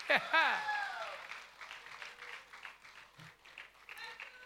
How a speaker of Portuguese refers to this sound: Salva de palmas.